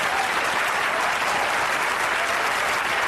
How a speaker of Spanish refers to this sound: Bueno, si ese aplauso fue para usted, está bien, pero si es para el Señor, dele algo mejor.